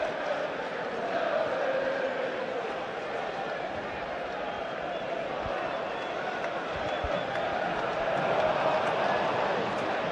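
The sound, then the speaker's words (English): A steady, dense roar of a large crowd at Lord's cricket ground at the end of the first innings of Trent Rockets versus Sunrisers Leeds, many voices blending into one continuous loud murmur with no pauses, occasional faint thuds beneath it. “You'll have to forgive me, it's so loud here that I miss the name at Lord's.”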